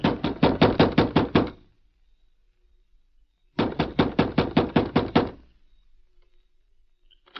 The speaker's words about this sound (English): Although it was late at night, the door of the sheriff's home echoed with a loud knock.